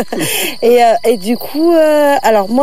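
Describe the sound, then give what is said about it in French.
Crickets and frogs chirp outdoors, a steady high trill running unbroken through the whole moment while a person talks over it in the foreground. “Je sais pas si on entend les grillons et les grenouilles.”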